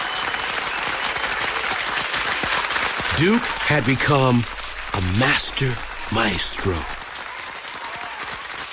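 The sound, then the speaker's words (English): Steady, dense applause from a large audience inside Carnegie Hall at an orchestra's performance on January 23, 1943, a continuous hiss of many hands clapping, while a man speaks clearly over it partway through. “But inside, Carnegie Hall was sizzling with applause.”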